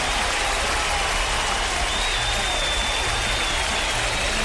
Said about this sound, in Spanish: Claro que sí, un aplauso para la gente.